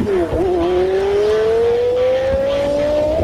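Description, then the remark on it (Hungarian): A loud car engine revs, played on Best FM radio as the cue for a listener call-in contest. It dips briefly at the start before its pitch climbs steadily and smoothly for about three seconds, with no voices. “Töltsék csőre a telefont, mert bármikor jöhet aznak az autónak a hangja.”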